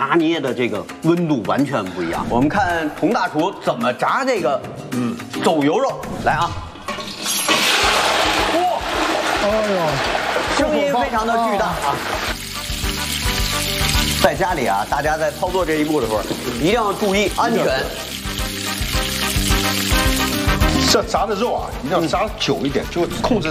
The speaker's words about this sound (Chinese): 哇，哎呦，声音非常的巨大啊！在家里啊，大家在操作这一步的时候，一定要注意安全。 这炸的肉啊，一定要炸久一点，就控制在5-6分钟。